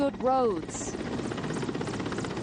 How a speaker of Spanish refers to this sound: El Programa Mundial de Alimentación opera ahora un helicóptero diario para entregar suministros a la comunidad asediada. Hoy traen un laboratorio móvil de exámenes muy necesario.